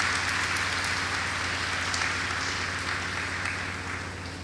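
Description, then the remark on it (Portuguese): An audience applauding steadily at a Sunday Eucharist to thank the visiting priest presiding over it, a dense wash of many hands clapping at once that holds for several seconds and eases off slightly at the end, with no voices over it. “A ele, a nossa sincera gratidão, a calorosa salva de palmas.”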